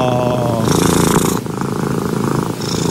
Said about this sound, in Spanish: El sonido del ronroneo del gato. Oye, sí. Es muy relajante. El ronroneo de los gatitos.